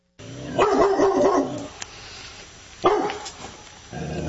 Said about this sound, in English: we'll give you a chance to hear those individual dogs barking again